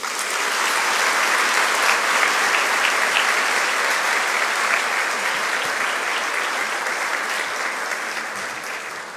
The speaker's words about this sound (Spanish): Pido fuertes aplausos para ella.